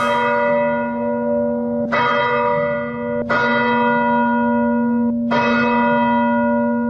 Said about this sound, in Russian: И хоть на месте до сих пор еще работают спасатели и пожарники, с самого утра в храме уже звонят колокола.